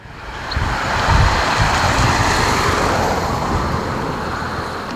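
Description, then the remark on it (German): Steady outdoor wind on a mild, sunny Monday evening, 15 June, in Oberplötz near Halle in the Saalekreis, rushes for several seconds, a broad continuous roar with gusty low rumbles, loud, with no voices present. “Ein milder, windiger, fast frischer Montagabend hier, der 15. Juni.”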